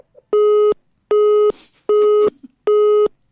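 A telephone busy tone after a caller's call drops: four loud, identical mid-pitched beeps pulsing in an even on-off rhythm, each about half a second long, with only faint background noise between them and no talking.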